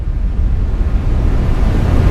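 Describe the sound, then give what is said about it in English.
Steady brown noise, a deep, rumbling hiss heavy in the low end with little brightness, holding an even level for the whole two seconds with no voices or breaks. “Okay, this is brown noise.”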